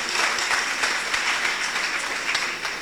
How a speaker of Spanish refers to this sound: Coge un aplauso